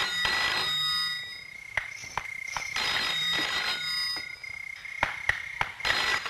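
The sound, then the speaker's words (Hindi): A telephone rings with a steady, bright electronic tone that runs through the whole stretch, broken by sharp clicks and knocks, as a call is made from a hospital. No one speaks. “अस्पताल पहुंचकर राज नीलम को फोन करता है।”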